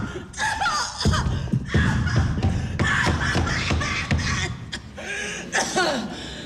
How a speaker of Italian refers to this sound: Che brutta tosse! Lo dice a me, è una croce? Vuole una caramellina di liquirizia? No, no, no, guardi, una bronchitaccia ostinata. Altro che liquirizia, non vuole andarmi via.